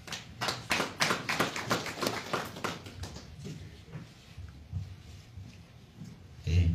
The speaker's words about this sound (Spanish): Bueno, ahora sí, también tenemos la presencia del señor Rolando Ataucuri, representante del Comité de Lucha del Distrito de Yusco, a quien también recibimos con fuertes aplausos.